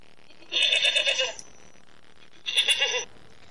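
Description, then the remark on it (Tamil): Two bleats from a sheep, the first longer and wavering, then a short pause before a second, slightly shorter call. Both are fairly loud and close, with no voices. “சாதாரண செம்மறி ஆட்டு இனத்துக்கு இவ்வளவு பெரிய விஷேடித்த இயல்பையும் பண்பையும் தேவன் வைத்து சிறப்பாக படைத்திருக்கிறார்.”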